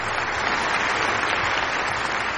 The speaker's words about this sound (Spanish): Un aplauso